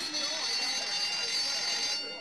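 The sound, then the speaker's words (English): A school bell rings continuously as the second bell, a loud, steady metallic clangor with bright high overtones that holds for a couple of seconds before tapering slightly at the end. “That was the second bell.”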